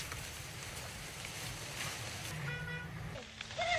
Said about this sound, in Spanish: Dirán ustedes, ¿qué es? ¿Es lluvia? No, es fuego, son llamas.